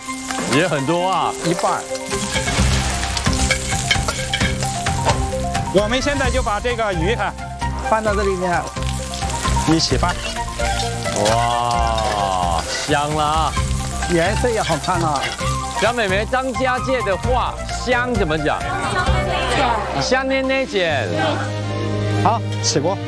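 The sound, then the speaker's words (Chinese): Fish skin frying in hot oil until it wrinkles slightly gives a steady, dense sizzle that crackles on without a break, with voices talking over it for most of the time. “哦，香啊香，刚好把鱼皮炸的稍微有一点皱起来的感觉。”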